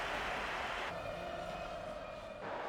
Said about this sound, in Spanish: Lo están escuchando algunos pitos, pero muchos más aplausos en San Mamés para sus 3 campeones del mundo con España. Han salido al campo con la Copa del Mundo. Un sector de la grada los silbaba, pero la mayoría los ha recibido con aplausos.